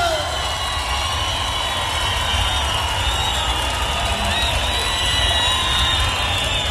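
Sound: crowd applause and cheering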